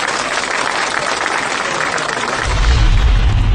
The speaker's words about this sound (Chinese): 嗯，好，好，有进步。 哎，让我们为自己鼓鼓掌吧，好不好？